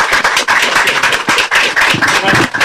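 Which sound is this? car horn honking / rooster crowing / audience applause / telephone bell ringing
audience applause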